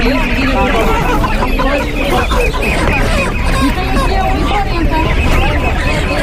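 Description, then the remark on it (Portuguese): Roosters and chickens cluck and squawk amid a busy market hubbub, with people chattering throughout, at a morning market where chicks and roosters are being sold. “Eu quero mais galo, eu gosto mais de galo.”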